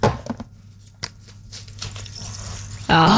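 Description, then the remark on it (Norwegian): A vitamin C tablet fizzes in water: a few sharp crackles at first, then a soft, steady hiss of tiny popping bubbles before a voice cuts in loudly at the end. “Det lyden av en C-vitamintablett som løser seg opp I vann.”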